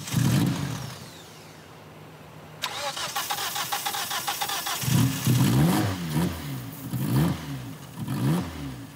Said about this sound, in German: Ein Starthilfespray. Der Motor springt an, aber das Glück ist nicht von langer Dauer.